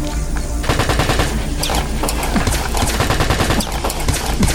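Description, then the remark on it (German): Sustained, loud rapid-fire gunfire as a robot shoots at a station, like an automatic weapon firing in dense bursts, with sharp cracks packed together over a heavy low rumble and no voices. “Sonst schießt der Bot die ganze Station mit Ihnen und Sarah in Schutt und Asche”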